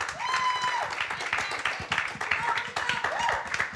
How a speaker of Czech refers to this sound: tak prosím potlesk za odvahu, že přihlásila písničku.